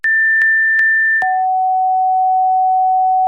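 Pure hearing-test tones, loud and steady: a higher pitched beep interrupted by a few evenly spaced clicks, then a lower steady tone held for about two seconds, with no voices.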